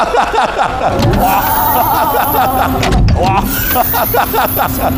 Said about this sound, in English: Oh, wow. This is a nice gimmick with, you know, the, I don't know how to call it, the flying doors opening, which was nice.